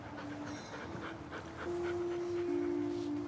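A dog whimpers in a thin, sustained whine that rises toward the end, with quick breathy panting underneath. Fairly soft, with no voices.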